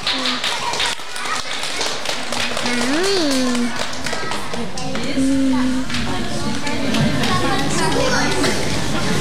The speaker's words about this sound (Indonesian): Mari kita sambut dengan tepuk tangan yang paling meriah.